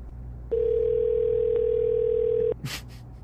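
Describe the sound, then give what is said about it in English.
A single steady electronic ring tone sounds on a phone line for about two seconds, then cuts off, followed by a brief rustling noise. No one speaks. “It's ringing.”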